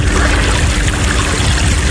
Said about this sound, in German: Da haben wir sich das Motorboot und sind da eine Stunde am Mondsee rumgefahren und das ist einfach schön. Und dann dieses Geräusch von diesem Glucksen des Wassers.